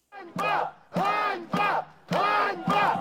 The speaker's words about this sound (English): Protesters here are shouting the word Einbar, which means shame.